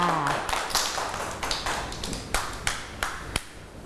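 Children clap in a loose, uneven patter, with a dozen or so sharp, bright claps scattered over a few seconds and a soft murmur of voices underneath.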